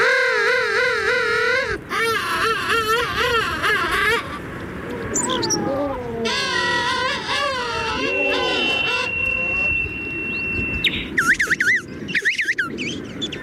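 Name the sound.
king penguin calls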